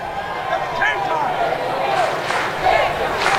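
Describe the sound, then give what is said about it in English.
A large baseball stadium crowd chants a strikeout "K" chant on a 2-2 count, the massed voices rising in rhythmic, swelling bursts over a constant roar of background noise. “K-time chant going.”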